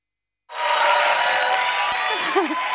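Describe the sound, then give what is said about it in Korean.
After a brief silence, an audience bursts into loud, dense applause that holds steady to the end, with a few rising cheers and whoops near the finish, welcoming a Korail train driver who gives a talk. “네, 이렇게 호응을 많이 주셔서 더 떨려요.”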